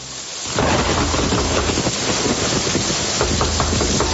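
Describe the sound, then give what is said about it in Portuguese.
Heavy rain pours down steadily with a low rumble of thunder rolling underneath, starting abruptly after a brief quiet moment and staying loud and dense throughout. “Com essa chuva eu vou ter que abrir a porta.”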